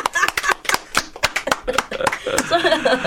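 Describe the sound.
Quick, steady hand clapping, about a dozen sharp claps at a brisk, even pace. Voices and a little laughter sit underneath, and talking takes over as the clapping fades at the end.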